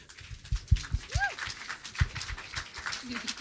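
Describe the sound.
A crowd applauds with a dense, steady wash of clapping, scattered louder claps and a brief rising whistle early on, amid a murmur of cheering voices, welcoming a blues band as the first guests of a broadcast show.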